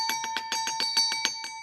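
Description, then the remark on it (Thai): A bell rings loudly and continuously, its clapper striking in a fast, even trill of about ten hits over a steady metallic tone, with no voices; the bell of the segment 'Kradueng Lan Ban Thanai'. “แหมอาจารย์คะเสียงกระดิ่งดังเหลือเกินนะคะอาจารย ์โอ้โหมันกล้องกังวานไปเหลือเกินนะ ใช่ค่ะแสดงว่าอาจารย์ฟิตมากวันนี ้ปึ้ง เลยนะคะ”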